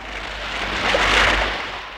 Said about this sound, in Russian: Ты ведь хотела увидеть шторм? Хотела одна стоять в темноте? Хотела, чтобы вода заливала твои глаза, волосы, платье? Так вот он, шторм!